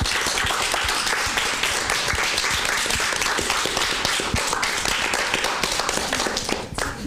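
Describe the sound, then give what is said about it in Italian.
An audience applauds itself at the speaker's request, many hands clapping in a dense, continuous patter that stays loud throughout before thinning slightly at the very end. “E vi fate un altro applauso adesso perché ve lo meritate.”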